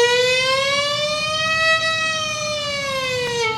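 An ambulance siren wails loudly and steadily as the ambulance goes down the road, its tone slowly rising and then sinking again over a few seconds, with no voices.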